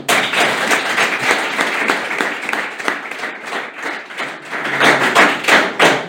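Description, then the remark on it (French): An audience in Annecy applauds steadily, a dense wash of many hands clapping at once, loud and sustained with no voices over it, swelling again toward the end. “En plus, je vais vous dire, j'ai beaucoup de chance, parce que j'ai un public très spontané, très sympathique, qui est prêt à m'applaudir.”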